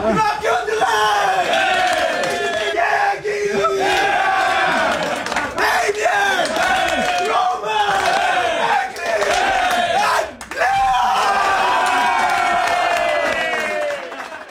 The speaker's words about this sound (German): Ja, eben ein riesiges Geschrei in der Garderobe.